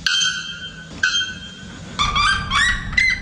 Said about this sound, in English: Yes, that's the sounds of the bare-throated bell bird and the red-legged suriema. Researchers at the University of Massachusetts Amherst say that both can sing above 120 decibels.